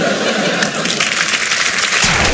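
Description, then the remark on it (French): Sustained, loud audience applause for comedian Anne Roumanoff fills the whole stretch, a dense crackle of many hands clapping at once with no pauses, continuous. “Merci et applaudissements pour ma meilleure amie, Anne Roumanoff.”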